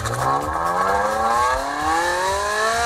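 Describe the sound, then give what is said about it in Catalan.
A loud Ferrari sports car combustion engine revs steadily upward, its harmonics rising in pitch over a few seconds with a throaty, rasping roar and no voices. “Així sona un Ferrari normal”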